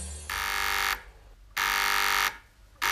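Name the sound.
two-way radio call buzzer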